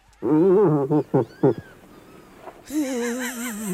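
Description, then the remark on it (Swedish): An irritated moose cow calls out in a series of loud, nasal, wavering moans: a long call, several short bursts, then another drawn-out bellow over a hissy background. “Nej, det är en irriterad älgko.”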